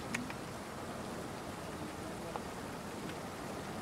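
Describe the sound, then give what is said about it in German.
Light rain falls steadily outdoors during a dry-stone wall building course, a soft even hiss with occasional faint droplet ticks, constant throughout. “Ja, also natürlich finden wir es auch schöner, wenn es die Sonne scheinen würde zum Trockenmauerbau, aber solange es jetzt nicht in Strömen regnet, können wir so einen Kurs auch hier durchführen.”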